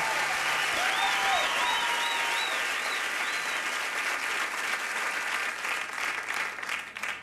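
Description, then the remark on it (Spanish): A crowd applauds steadily throughout, a dense wash of clapping with a few high whistles rising over it early on, fading slightly at the end. “Porque ese aplauso para mi amiga”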